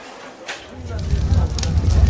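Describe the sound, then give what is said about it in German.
An executioner lights a pyre for a burning at the stake; the fire catches and swells into a steady roar as the condemned woman's dress catches fire, with brief crackles and pops scattered through it and muffled voices faintly underneath. “Sieh mal, wie das Feuer lodert.”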